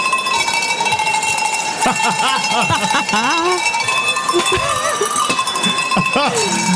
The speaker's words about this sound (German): Es gab nämlich eine professionelle Kuhglockenläutnerin. Dann lass mal läuten.